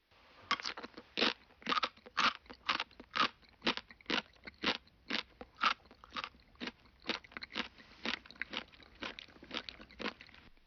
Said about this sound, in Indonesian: Ini adalah bori-bori. Bunyi ketika mengunyah sesuatu yang keras.